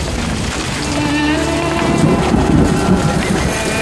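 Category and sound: nature, heavy rain pouring down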